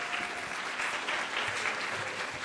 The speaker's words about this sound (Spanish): Un fuerte aplauso, por favor, para todos ellos.